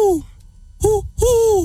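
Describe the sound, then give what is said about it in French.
A person imitates an owl hooting with three loud, tonal voiced hoots: the first slides downward in pitch, then after a pause come two steadier hoots in quick succession. “Le hibou.”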